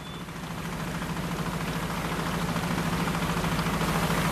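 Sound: fishing boat motors running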